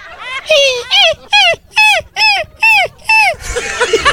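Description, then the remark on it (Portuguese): A voice imitates a puppy whimpering: six or so high, plaintive whines, each falling in pitch, repeated in a steady rhythm, loud, trailing into a brief noisy breath at the end. “É cachorro fiote”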